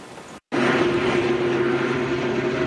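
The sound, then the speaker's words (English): After a brief cut to silence, a loud, steady rotor-engine drone fills the scene, a helicopter hovering over a fire in Parkland County near Edmonton, holding in place with a constant whirring roar and no voices. “This helicopter hovers over a fire that stopped just steps from Danny Yagi's home in Parkland County”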